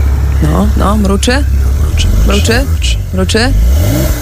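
The engine of a Porsche 911, the new car of former Polish president Andrzej Duda, started on RMF Max radio, rumbles at a low, steady idle while a series of short, rising revs swell and fall over it in quick succession.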